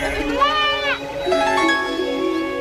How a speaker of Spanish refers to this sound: ¿Qué fue eso? ¿De dónde salió esa oveja? No es una, sino muchas ovejas a nuestro alrededor. Hemos sido teletransportados. Ya no estamos en el interior de una cueva, sino a la intemperie en medio de un rebaño de ovejas que está pastoreando.